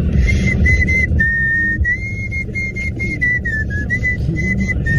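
A person whistles a continuous pop melody, the clear tone gliding between notes over a steady backing of music and low background noise, with no talking.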